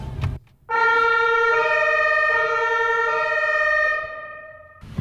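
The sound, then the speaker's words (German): A loud emergency vehicle siren blares, heard from the passenger seat inside the vehicle's cab with its blue lights flashing, stepping back and forth between two pitches for several seconds before fading slightly at the end, with no talking. “Blinkt blau. Jetzt wird's spannend. Alarm, Alarm.”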